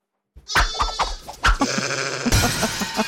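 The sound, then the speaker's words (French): A sheep bleats in a wavering, quavering cry, followed by a second drawn-out bleat, fairly loud with no one speaking. “C'est un mouton.”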